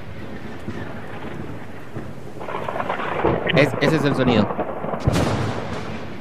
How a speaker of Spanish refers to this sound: Tormenta, trueno. Sí.